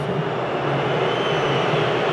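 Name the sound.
stadium crowd whistling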